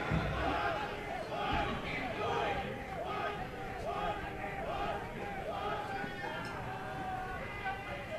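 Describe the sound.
A packed crowd of kids at Oregon Trail Park Stadium shouts and squeals excitedly as they scramble after a foul ball hit out of play to the right side during a baseball game, their overlapping high voices forming a steady, lively roar over the full stretch.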